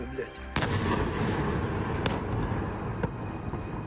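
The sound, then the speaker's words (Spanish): Explosions from a Russian missile and drone attack on Kyiv, Ukraine, at night boom out of a continuous low rumble, with sharp blasts at intervals, each followed by heavy rolling reverberation. “Esas son las explosiones que se escuchaban esta pasada noche, que según el ejército y el alcalde de la ciudad han dejado varios edificios residenciales dañados.”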